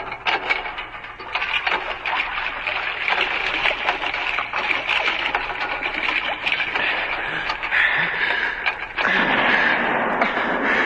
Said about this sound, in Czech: Poplašných výstřelů vypálili ještě několik, až se pro ně skutečně jedna loď odvážila.